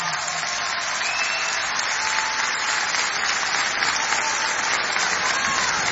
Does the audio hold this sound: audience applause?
yes